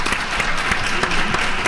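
A crowd claps steadily, dense overlapping handclaps forming a sustained, fairly loud burst of applause with no voices over it.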